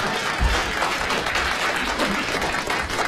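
A crowd claps steadily for about three seconds, a dense, even wash of applause with no pauses, fairly loud and filling the space, while a few voices murmur faintly underneath.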